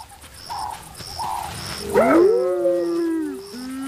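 Spotted hyenas calling at the Marsh lionesses, with a loud rising and falling whoop in the middle that trails into long wavering tones, over a steady pulsing background and quieter chirps.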